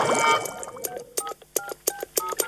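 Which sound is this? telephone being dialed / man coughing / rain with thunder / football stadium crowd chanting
telephone being dialed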